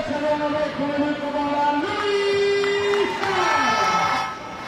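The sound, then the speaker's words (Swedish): A large handball crowd rises to its feet early in the second half, roaring and cheering loudly and continuously, with sustained chant-like or horn-like tones riding over the din, easing slightly near the end. “Men en bit in i andra reser sig publiken upp.”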